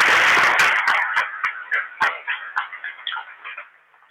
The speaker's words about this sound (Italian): Adesso si mettono in piedi le catechiste. Sono, sì. Eccole. Qualcuno è di qua, qualcuno nel coro. Un applauso anche a loro.